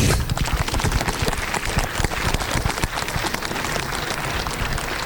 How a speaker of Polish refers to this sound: Teraz brawa.